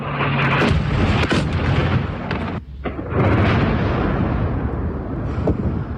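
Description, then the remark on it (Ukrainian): Explosions from Russian guided aerial bomb strikes on Dnipro, Ukraine, and its suburbs: a loud, continuous roaring rumble with several sharp blasts cutting through, a brief lull near the middle, then the heavy roar resumes. No one speaks. “Це наслідки ударів РФ кабелю по Дніпру та передмістю.”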